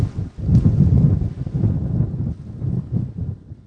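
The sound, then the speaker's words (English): Strong wind roars and buffets continuously over the open water of the Mississippi River at a cut bank, raising waves; a loud, low rumbling gust that surges and eases in waves, with no voices. “Big wind.”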